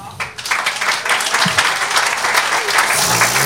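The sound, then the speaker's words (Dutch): A crowd applauds steadily at the Domein van de Kippen in Merkem, a dense wash of clapping that stays loud for several seconds. “Zonder zingen krijg je al een applaus van de menigte hier op het domein van de kippen in Merkem.”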